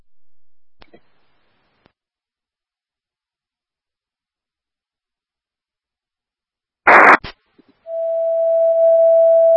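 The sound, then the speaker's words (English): After a faint click and long silence, a short burst of radio static gives way to a loud, steady high-pitched fire dispatch alert tone that holds to the end with no talking, dispatching Engine 5 to a call on Blackboard Street. “Engine 5, Engine 1, disregard tones, 5 takes the run.”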